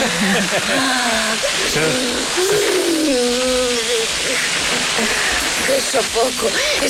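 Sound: garden hose spraying water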